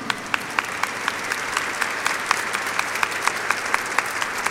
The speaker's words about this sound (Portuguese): A todos acolhemos com uma grande salva de palmas.